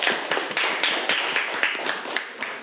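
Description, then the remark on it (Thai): Students in a classroom clap together for a few seconds for a classmate who explained buoyancy, a dense patter of many hands with sharp individual claps poking out, steady and fairly loud, with no talking over it. “ครับปรบมือให้กับเพื่อนด้วยครับ”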